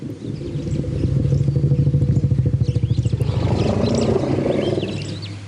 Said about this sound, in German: Forschende von der Colorado State Universität haben gerade in Bezug auf Elefanten erstaunliche Entdeckungen gemacht. Hier ruft ein Elefant einen anderen beim Namen.